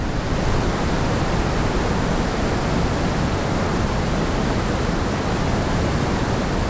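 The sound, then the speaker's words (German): Steady, deep brown noise plays continuously at an even, fairly loud level, a dense low rumbling hiss like surf or heavy rain, with no voices or other sounds. “Und dann noch das Brownsche.”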